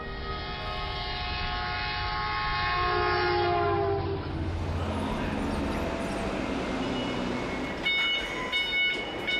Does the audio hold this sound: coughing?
no